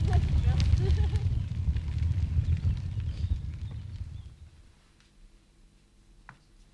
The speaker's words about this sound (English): Crackling fire.